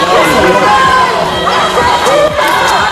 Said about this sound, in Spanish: Bajo una gran expectación de medios, tanto nacionales como internacionales, numerosa presencia policial y algún grito, como escuchan, de sinvergüenza.